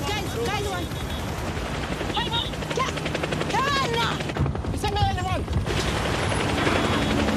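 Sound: helicopter flying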